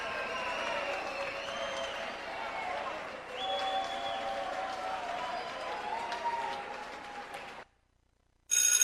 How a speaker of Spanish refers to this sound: Fuerte el aplauso para ….